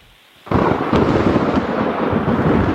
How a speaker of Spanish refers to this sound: ¿Tormenta? Sí, señor, una tormenta.